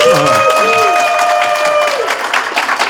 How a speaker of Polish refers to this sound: Jestem trochę zmartwiony, bo nie wiem, czy ci państwo, którzy tutaj stanowią takie miłe tło, wytrzymają z tymi oklaskami do końca audycji. Przecież to jest forsowne.